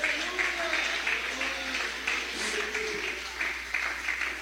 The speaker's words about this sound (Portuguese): Que Deus te abençoe. Que Deus te abençoe. Pode louvar a Ele com palmas.